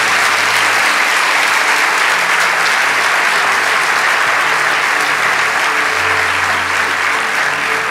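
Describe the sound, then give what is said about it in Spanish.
An audience claps steadily, giving applause to the Lord, for the full stretch, a dense, loud, continuous patter of many hands with no voices standing out above it. “¿Cuántos le damos un aplauso al Señor?”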